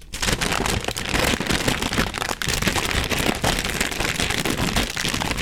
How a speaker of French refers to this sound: Et pour terminer, voici quelques sons du papier cristal. Si on l'étire, et si on le froisse.